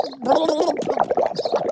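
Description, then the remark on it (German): Rambo gurgles and sputters, choking while being tickled underwater, a wobbling, bubbly stream of sound that runs unbroken for nearly two seconds at a fairly loud level. “Nicht unter Wasser kitzeln, da verschlucke ich mich ja.”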